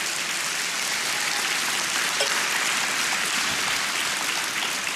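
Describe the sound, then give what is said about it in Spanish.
A church audience clapping their hands for the Lord in sustained, dense applause for about five seconds, a steady wash of many overlapping claps at even loudness with no voices standing out. “Dele palmas al Señor.”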